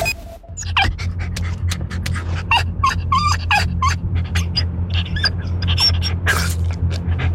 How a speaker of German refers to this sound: So hört es sich an, wenn dein Hund einen qualvollen Hitzetod erleidet. Lass deinen vierbeinigen Freund nicht im Auto zurück.